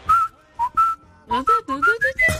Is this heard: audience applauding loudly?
no